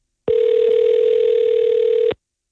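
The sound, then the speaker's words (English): A single steady ringback tone on an outgoing phone call placed from radio station CHBN to a randomly picked listener, one unbroken mid-pitched electronic hum lasting about two seconds at even loudness before cutting off, with no voices. “But I picked a random person. Hopefully they pick up.”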